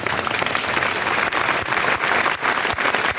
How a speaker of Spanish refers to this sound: Aplausos a la llegada de los féretros funerales en la iglesia de la Concepción, ante la que se reunían numerosos ciudadanos que han querido mostrar así su respeto a los fallecidos.